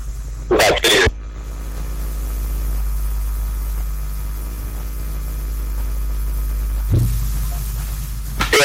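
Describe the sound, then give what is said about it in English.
Two sharp, explosive bursts of sneezing and coughing, followed by a low engine-like rumble and another short cough near the end. “God bless you, sir.”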